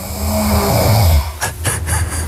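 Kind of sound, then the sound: human body sound, person snoring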